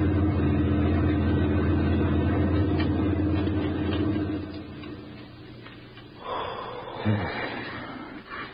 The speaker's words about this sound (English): Then we came to a highway. A German army lorry rumbled by while we squatted behind the hedgerow and held our breath.